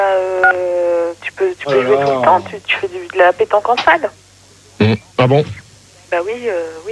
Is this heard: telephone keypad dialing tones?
yes